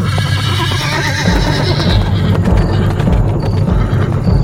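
A riderless black horse running in panic down a street whinnies loudly at the start while its hooves pound in a fast, steady gallop, continuing throughout with no voices.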